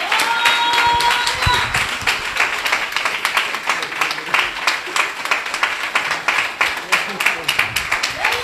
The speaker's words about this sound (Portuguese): Vamos receber o servo do Senhor aplaudindo a Jesus bem forte.